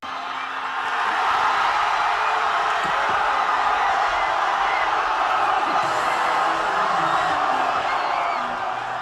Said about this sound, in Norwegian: Spania er verdensmeister i herrefotball for andre gang. I hovedstaden Madrid bare vill jubel i gatene da kampen var over.